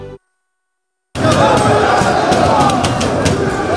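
Crowd noise of a night in Paris bursts in after a second of silence and holds steady and loud: many voices blending into a continuous roar, with excited shouts and cheers rising out of the mix.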